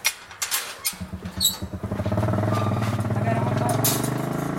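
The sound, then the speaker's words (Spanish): A motorcycle engine sputters in uneven bursts, then settles into a steady, rising growl, droning on continuously as the bike sets off along a rocky track on a 21-kilometre ride to an apiary, on a windy morning after a night storm. “Para visitar a sus abejas recorren en moto 21 kilómetros.”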